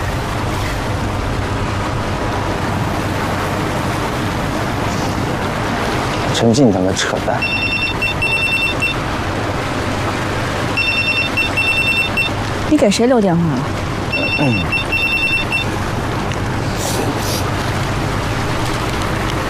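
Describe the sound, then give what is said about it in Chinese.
A telephone rings in three short electronic bursts with brief pauses between them, clear, over a steady rumbling background like an engine or water. “你给谁留电话了？喂，哪位？”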